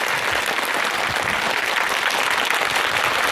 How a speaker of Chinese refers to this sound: 再次把掌声送给四位，谢谢各位。